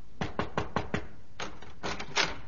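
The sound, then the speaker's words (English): Five quick, evenly spaced knocks rap on a wooden dressing-room door, followed by a few softer, more scattered knocks, with no voices. “one night I was in my dressing room changing off the performance when there came a knock at my door.”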